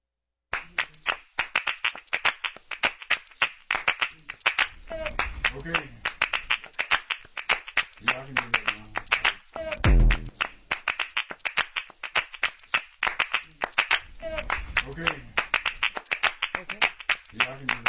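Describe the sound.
A music track plays, driven by a steady, crisp handclap rhythm throughout, with a low voice singing or chanting in short phrases over the beat.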